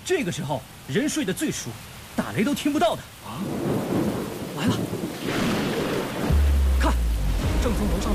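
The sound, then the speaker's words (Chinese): Heavy rain hisses steadily just before dawn while voices talk over it at first; the downpour continues alone and a deep, loud roll of thunder rumbles in near the end. “这天都快亮了，又下这么大的雨，也许不会来了。”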